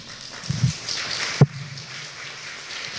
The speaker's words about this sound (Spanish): Voy a dar un aplauso al Señor.